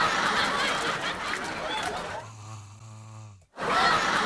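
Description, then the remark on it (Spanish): A sleeping turtle snores close to the microphone: a long, rasping, breathy inhale followed by a low buzzing exhale that cuts off abruptly, then the rasping breath starts again. “Pero cómo ronca la tortuga.”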